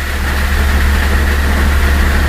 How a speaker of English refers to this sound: Not for that kind of thunder, no. It's like that thunder's going to roll right into the house. Sure seemed that way.